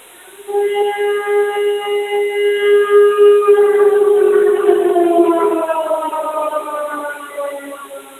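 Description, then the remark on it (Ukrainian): A loud air raid siren of a civil defense alert in Ternopil wails steadily for several seconds, its pitch holding high before sliding downward as the tone begins to wind down. No voices are heard. “Громадяни, повітряна тривога, повітряна тривога.”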